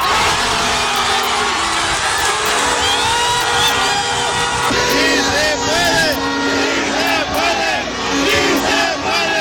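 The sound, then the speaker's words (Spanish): Thousands of people in the Zócalo roar and sing the national anthem together, many voices overlapping into a loud, continuous swell of cheering and chanting that never drops for the whole stretch. “imagínate en el Zócalo, con miles de personas cantando el himno.”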